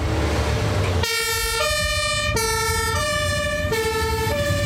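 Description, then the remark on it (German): A fire engine of the St. Ingbert fire brigade, a Tele 4000 carrying 5000 litres of water, arrives with its two-tone siren blaring loudly, switching back and forth between a high and a low pitch, after a brief second of rumbling engine noise. No one speaks. “Aber es gibt ja zum Glück die Feuerwehr in St.”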